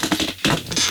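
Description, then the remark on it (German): A radio studio chair creaks and scrapes in a few short, rough bursts, a dry rasping texture that rises and falls over one second, with no voices. “Studiostühle, man hört die sonst immer im Hintergrund.”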